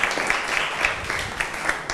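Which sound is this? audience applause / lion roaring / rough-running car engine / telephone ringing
audience applause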